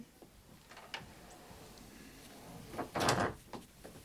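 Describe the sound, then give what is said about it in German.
A door swings shut with a short, solid thud near the end as a visitor comes in and closes it, preceded by a few faint knocks and creaks of handling, otherwise quiet. “Kommen Sie rein, machen Sie die Tür zu.”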